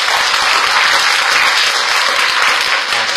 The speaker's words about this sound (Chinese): 那我们最后再送一次热烈的掌声给到秦老师，谢谢。